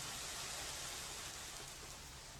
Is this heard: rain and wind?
yes